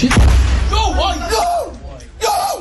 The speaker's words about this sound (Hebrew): ובתיעוד הזה שצילמו חיילים מתוך אחד הבסיסים בגבול הצפון אפשר לשמוע את הדריכות והלחץ בזמן אמת. שקט, שקט. תחילה הם מזהים את רחפן הנפץ כשהוא טס נמוך מעליהם, עוקבים אחריו, ואז בתוך שניות תשמע פיצוץ.